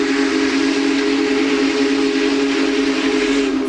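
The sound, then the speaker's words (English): A Big Boy steam locomotive whistle blows in one long, loud, sustained note, steady, with a rich layered tone and a faint hiss beneath it. “And if not, the Big Boy's whistle will most certainly remind them.”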